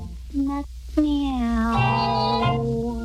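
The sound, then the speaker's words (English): A human voice imitates a cat's meow while calling a kitten to come out, a drawn-out, pitch-gliding call rising then falling, fairly loud, preceded by a short higher vocal note over faint background hum. “Come out, come out, my pretty kitten. Meow.”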